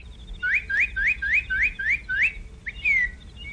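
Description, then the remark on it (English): A cardinal sings a quick series of about seven clear, rising whistled notes, then a single longer falling whistle, distinct over a low background rumble. “Hey, did you hear that? What? A cardinal. What of it? They're day birds.”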